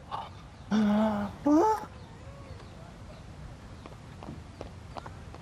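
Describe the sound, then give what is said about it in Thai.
Two loud, brief vocal shouts ring out, then a faint, steady patter of quick, light running footsteps follows as people run off, continuing to the end. “เฮ้ยอะไรมีผีมาเหรอ ไปเร็วไปวิ่ง”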